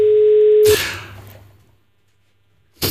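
A steady telephone ringing tone hums for under a second, then cuts off in a sharp burst of noise that fades into silence before another abrupt burst at the end.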